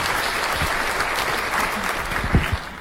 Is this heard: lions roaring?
no